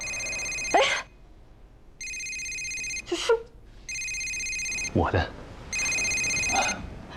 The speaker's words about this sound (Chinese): 妈，你要不再看看手机？哦， 这电话都看了多少眼了？这他来电话不就响了吗？